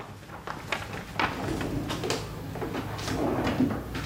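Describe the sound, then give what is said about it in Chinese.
A drawer slides open with a scraping, wooden rumble and a few knocks and rattles of things shifting inside, lasting several seconds with no voices; it is opened to take out written records kept inside. “那抽屉里不是有记载吗？你拿出来看看。”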